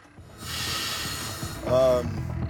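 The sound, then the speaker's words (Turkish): A loud, steady burst of air hissing out as a train's brake system is released so the crew can locate an overheated wheel, running for about two seconds, rising briefly near the end with a tonal squeal, over low rumbling background. “Bill trenin fren sistemini serbest bıraktı.”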